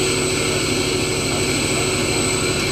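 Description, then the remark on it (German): A loud, steady mechanical roar from a pump drawing dirt out of a water pipe in an automatic cycle of switching on, running briefly and switching off until the pipe's water volume is exchanged; a constant drone with a low rhythmic throb and sustained high whine, no voices. “Und so saugt sie in wenigen Minuten den Dreck aus dem Rohr raus und das ist ziemlich laut.”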